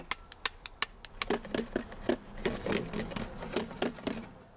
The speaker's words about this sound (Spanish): Kevin y Emma estaban golpeando unos platos e hicieron un sonido agradable.